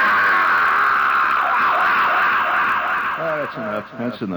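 A primal scream on WOR New York radio, given heavy echo-chamber effect: a long, wavering scream holds steady and loud, then breaks into several short, falling cries that repeat in quick succession near the end.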